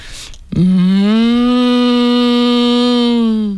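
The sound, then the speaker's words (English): A person imitates a cow lowing, holding one long, loud, steady low note for about three seconds after a brief breathy onset, with no other sounds around it. “I think I do a good cow.”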